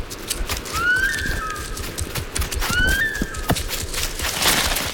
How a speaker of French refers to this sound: car elle pousse son cri d'alarme. C'est un sifflement spécifique qu'on entend jusqu'à 1 kilomètre à la ronde.